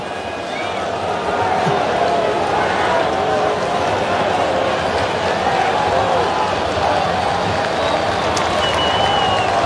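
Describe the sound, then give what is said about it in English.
A big baseball stadium crowd roars and cheers in a loud, steady wash of noise that holds for about ten seconds, with scattered shouts rising out of the mass of voices, as a challenged strike call is overturned to a ball in the 6th inning of a Cleveland game. “We'll see how the challenge goes. Crowd will tell you.”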